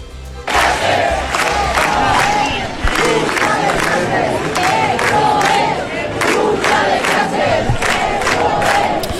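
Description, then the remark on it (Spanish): A large protest crowd clamors at night on Gran Vía in front of the Spanish Government sub-delegation, a dense, sustained roar of many voices with rhythmic shouted chanting rising and falling throughout, loud and continuous after a brief quiet start. “Os pongo sonido de anoche ante la subdelegación del Gobierno de España en Gran Vía.”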